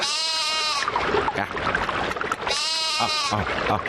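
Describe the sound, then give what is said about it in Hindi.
A lamb bleats twice, each call a wavering, nasal cry of about a second, fairly loud, with a brief pause between them and some faint background noise. “एक भोले भाले भेड़ के बच्चे ने उसे रोक लिया।”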